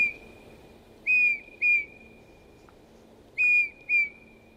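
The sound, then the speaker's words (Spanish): A Eurasian bullfinch (Pyrrhula pyrrhula) gives its song: soft, pure whistled notes in two pairs, each note short and clear, separated by a pause, over a faint, steady background hum. “Su canto es una serie de dulces silbidos potentes que el macho debe aprender de sus padres.”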